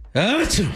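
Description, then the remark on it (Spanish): A single short sneeze imitated by a human voice: a loud, rising voiced 'ah' that breaks into a breathy hiss, over in under a second. “El vampiro sintió el picazón tremenda y estornudó con todo el poder de la noche.”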